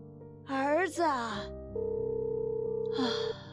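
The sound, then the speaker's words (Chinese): A steady, slightly pulsing phone busy tone hums for a couple of seconds, preceded by a breathy vocal sigh and overlapped near its end by another brief breathy voice sound. “儿子， 您拨叫的用户正忙，请您稍后再拨。”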